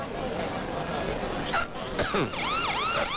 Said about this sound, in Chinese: 什么情况？怎么又来警车了？